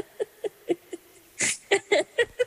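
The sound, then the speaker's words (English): A dog whines and yelps in a quick series of short, high-pitched cries, with one breathy snort partway through. There is no talking. “Needy Dog in the background”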